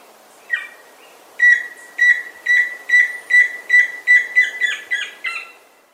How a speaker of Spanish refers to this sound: El trino del tororo y chusquero forma parte del Banco de Sonidos de Aves Colombianas, recopilado por el Instituto von Humboldt y la Universidad de Cornell.